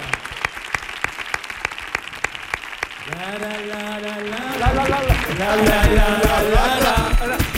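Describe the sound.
An audience on Canal Sur Radio breaks into steady applause for a group of performers, dense overlapping claps that continue throughout, joined midway by loud voices shouting and cheering over the clapping.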